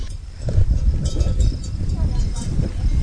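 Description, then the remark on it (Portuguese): A herd of cattle returning to the corral, with cowbells clanking irregularly and hooves thudding over a dense, steady rumble of animal activity throughout. “Aos poucos, o gado vai regressando ao curral.”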